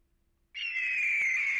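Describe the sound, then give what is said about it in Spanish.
An eagle's call: one long, piercing screech that bursts in after a moment of silence and holds steady, loud, with no voices around it. “¿Era un águila o un halcón? Águila.”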